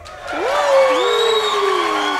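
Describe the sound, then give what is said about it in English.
A short applause sound effect: a burst of crowd cheering and applause, with loud rising and falling whoops standing out over a dense wash of clapping and voices, sustained steadily for about two seconds. “Do we want to hear the applause again?”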